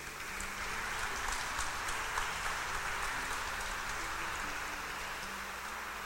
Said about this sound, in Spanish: Para ellos un aplauso de felicitación.